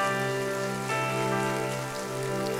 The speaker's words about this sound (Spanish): Denle un fuerte aplauso al Señor, mi hermano y hermana.